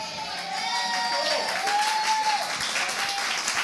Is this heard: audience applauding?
yes